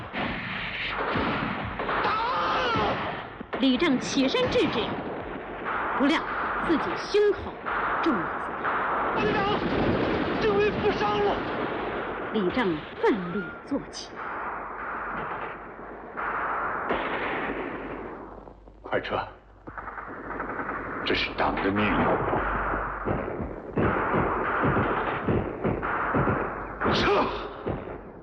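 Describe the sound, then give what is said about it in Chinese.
Loud, dense battle noise: rapid gunfire cracks and repeated heavy enemy Japanese artillery shells exploding on an empty, just-abandoned position, booming throughout, with a rumbling roar underneath and indistinct voices shouting in the mix. “队伍刚刚撤走，敌人的炮弹便在空阵地上爆炸了。”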